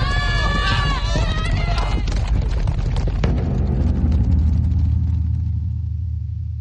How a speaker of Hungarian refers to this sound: Az istállóból, mintha egy egész ménes vágtatna ki. Mi ez? Szabadjára engedték a lovakat. Valaki hajtja, üldi őket egyenesen bele a tömegbe.